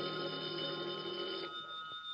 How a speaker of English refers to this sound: Then, at about 11:15 that night, the phone in the lobby started ringing.